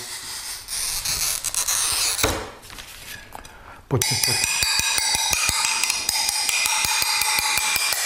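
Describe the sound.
A pen-like glazier's glass cutter scrapes with a gritty hiss across a glass pane, then a sharp snap rings out as the glass breaks, followed by a run of quick, bright ticking sounds. A voice briefly speaks.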